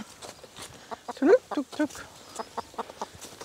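hens clucking

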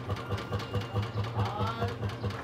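tractor engine idling

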